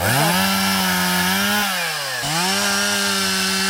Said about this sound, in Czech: Nejprve si tady dobrovolníci nařezají kusy dřeva, pak se chopí lopat a krumpáčů a v jedné z prohlubní v lese začínají vykopávat strouhu.